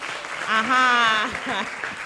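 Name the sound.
audience clapping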